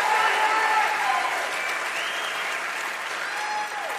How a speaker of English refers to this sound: That's absolutely worth applauding.